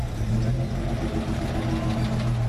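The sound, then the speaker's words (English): The engine of the dusty Never Never Safari truck, packed with Australian actors, runs steadily as it drives through the outback town of Winton, Australia: a low, even rumble with a constant droning tone that holds throughout without revving up or fading. “It's a sight not too uncommon for fans of one of Australia's most successful films, a dusty safari truck packed with Aussie actors driving through an outback town.”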